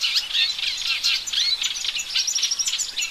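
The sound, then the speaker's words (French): Eurasian reed warbler song: a busy, continuous stream of high, scratchy repeated notes and chirps mixed with brief whistles, steady and fairly loud with no voices. “Et voilà une autre rousserolle, c'est la rousserolle effarvate. Elle, pour elle, c'est, le chant est un ensemble de notes répétitives et de sifflements.”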